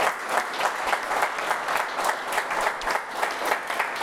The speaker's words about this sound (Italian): Presidente dell'aeroporto di Genova, Enrico Musso, grazie di essere con noi, un applauso anche per lei.